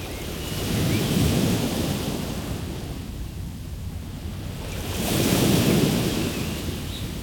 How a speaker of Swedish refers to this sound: Och här plejer jag att dra ner och sitta på Svabergen här och fylla mig med kraft från havet och fjället. Speciellt när det är lite vind. Du hör vind och bölgan som slår upp mot bergen här.